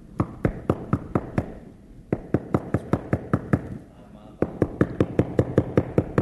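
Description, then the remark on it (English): Rapid, steady knocking on a door in three bursts separated by short pauses, each hit sharp, repeating about four times a second. “Knocking, trying to get in the church.”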